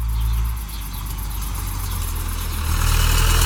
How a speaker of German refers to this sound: Da kommt Opa auf dem Traktor angefahren. Opa war mit dem Traktor auf dem Kartoffelfeld. Der Traktor zieht einen großen Anhänger. Und der Anhänger ist voller Kartoffeln.